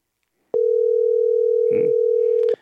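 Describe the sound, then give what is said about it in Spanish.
A single steady electronic ring tone on a phone line holds for about two seconds, loud and even, with a short rough burst of noise partway through. Nobody picks up or speaks. “Te acabamos de timbrar, mi amigo, pero no sé si hay temor, recelo, miedo”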